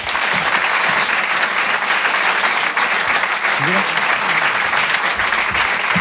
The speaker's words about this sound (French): Je vous demande d'applaudir très fort Maxime Gasseuil.